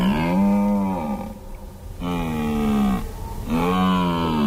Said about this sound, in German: Es war ein Hirsch. Ein Hirsch, der so Brunftrufe macht.